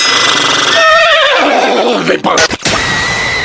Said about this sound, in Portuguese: Fala, cavalo.